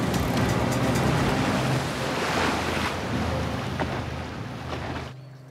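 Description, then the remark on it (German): A boat engine drones steadily out on open water, its low hum mixed with rushing wind and splashing waves, then the noise drops away abruptly near the end. “Schalten Sie sofort den Motor aus!”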